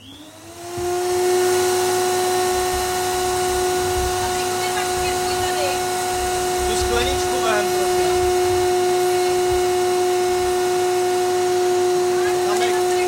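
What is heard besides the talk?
vacuum cleaner running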